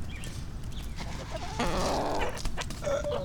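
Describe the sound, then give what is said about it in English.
Chickens cluck softly and contentedly, a few low murmuring calls and short warbles scattered over a steady outdoor background, with no one talking. The chickens are eating seeds out of a person's hand on muddy ground after rain. “Yeah, you looks sound like you're a happy chicken.”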